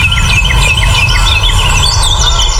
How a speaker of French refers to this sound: Et voilà, on entend les petits oiseaux et on kiffe son moment.